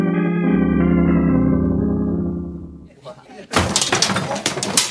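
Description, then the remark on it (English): After sustained music fades out, a display is accidentally knocked down with a sudden loud crash, followed by a noisy clattering of falling, breaking objects that continues until the end. “Who knocked down the display?”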